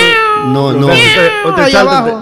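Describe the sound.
A voice imitates a cat's meowing, drawing out a few whiny, wavering meows in a continuous run lasting a couple of seconds, loud.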